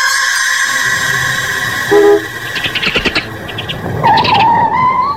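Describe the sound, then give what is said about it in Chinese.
A car engine hums steadily, then brakes squeal with a few clunks as the car rolls to a halt in front of a single-staff dormitory building. No one speaks. “这时一辆汽车停在单身宿舍楼前，两个人都忍不住转过头去。”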